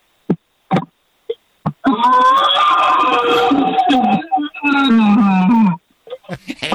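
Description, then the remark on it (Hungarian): A man roars into a pot, imitating a big predator with two long, loud, hollow-sounding growls, preceded and followed by a few sharp knocks. “Figyelj, beleraktam a telefont egy nagy fazékba, és fogtam egy repoharat, és abba ordítottam.”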